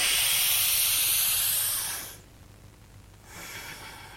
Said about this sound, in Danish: Vi skal stå op, og så skal I ånde ind og ud igennem næsen. Forestil jer, at I ånder nedefra, op igennem fødderne, op igennem rygsøjlen, ud igennem hjernen. Tre dybe åndedrag. Nu!